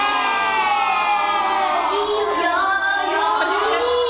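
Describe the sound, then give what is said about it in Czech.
Young children in a classroom, sitting in a circle on a carpet, shouting and calling out answers to questions over one another, a dense, continuous, excited clamour with no single voice standing out, loud throughout. “Děti tu ve třídě nesedí v lavicích, ale v kroužku na koberci. Překřikují se, odpovídají na otázky a přitom se dozvídají, jak pečovat o své zdraví.”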